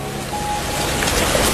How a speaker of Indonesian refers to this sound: Eh, kok hujan?